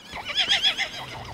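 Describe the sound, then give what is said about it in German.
An Irish pony whinnies in a short, high-pitched burst with a wavering, rising and falling tone, loud and clear with no talking over it. “Das sind irische Ponys.”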